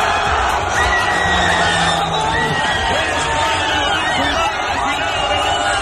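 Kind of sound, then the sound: crowd, crowd shouting and cheering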